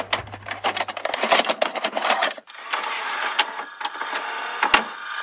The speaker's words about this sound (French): Ah, une imprimante ou un scanner, ça, non ? Pas tout à fait. Il s'agit du bruit d'un magnétoscope.